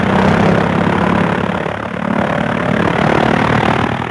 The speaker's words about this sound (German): Der Motor rattert, knattert, hupt. Jetzt steigt das Flugzeug in die Luft. Bald ist es 1000 Meter hoch.